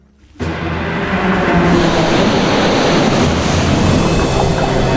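Loud ocean waves surge and roar against the shore, a dense, continuous rush of water that swells in abruptly after a brief quiet moment and stays powerful throughout.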